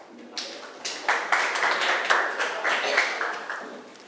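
In a classroom, students clap their hands for a student representative who presented a food menu, producing a steady, rapid patter of sharp claps that builds slightly and continues for several seconds without any talking.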